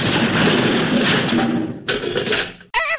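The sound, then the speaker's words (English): A car smashes into a garage door: a loud, sustained crunching roar, a brief break, then a second clattering burst, ending in a short wavering, high-pitched tone. “I ran into the garage door.”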